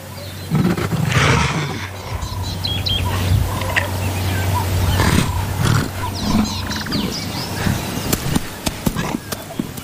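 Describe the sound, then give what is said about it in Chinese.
An African leopard growls and snarls in low, rough bursts over several seconds, with sharp chirps and calls from other animals mixed in and no talking. “这只非洲豹可真不怎么聪明。”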